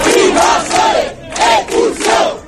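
crowd, crowd chanting protest slogans

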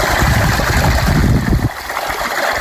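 nature, water trickling

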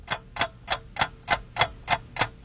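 sound effect, countdown clock ticking

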